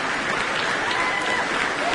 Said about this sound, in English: Cheers and applause there from our audience. And it's great to see the spirit of the Proms making its way here to Sunderland, with standing promenaders in the arena.